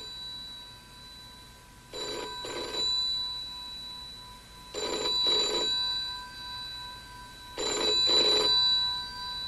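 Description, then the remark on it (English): An old-style telephone bell rings in three double bursts, each brrring-brrring pair separated by a few seconds of quiet, fairly loud with a faint steady hum underneath. “Will somebody answer that phone?”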